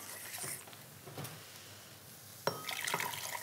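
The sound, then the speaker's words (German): Hot liquid pours and splashes in short bursts into a starch mixture, with a sharp clink partway through followed by a steadier trickling stream, fairly quiet, no voices. “So, wenn das jetzt hier so das erste Mal aufploppt, dann gebe ich einen Teil von der heißen Flüssigkeit noch mal in die Stärke.”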